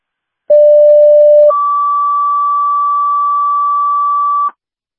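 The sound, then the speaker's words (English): Fire department pager alert tones of a dispatch repage: a loud, steady lower tone for about a second, then a higher tone held for three seconds, with no voices present. “For dispatch, check out on your fire pages on the repage.”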